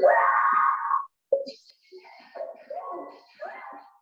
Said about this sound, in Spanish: Una mujer aparentemente fue poseída mientras hacía sus compras en un supermercado, y el episodio quedó registrado por las cámaras de seguridad. Otros compradores procuraban ayudarla, pero solo fueron espantados tras el fuerte alarido de la mujer.